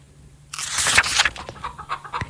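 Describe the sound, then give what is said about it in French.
Hens in a farmyard cluck and squawk in a busy burst after a quiet half-second start, several birds calling in quick, overlapping bursts that trail off into scattered clucks. “Charlotte vit dans la basse-cour du grand foin. Avec 40 autres poules, il y a aussi 40 poulets et Adoc le coq, le grand chef.”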